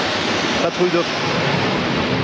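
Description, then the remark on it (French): The Patrouille de France formation of nine Alpha Jets, flanked by two Mirage 2000 jets, flies overhead, producing a loud, steady, rushing roar that fills the whole clip, with a faint voice briefly audible beneath it. “Patrouille de France, les 9 Alpha Jets de la Patrouille de France, encadrés par deux Mirage 2000 qui sont pilotés par des pilotes français, mais copilotés par des Ukrainiens qui sont un petit peu véritablement mis à l'honneur.”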